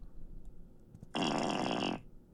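A single wet fart sound effect, a loud, sputtering rasp lasting under a second, rising abruptly from a quiet background and cutting off just as sharply.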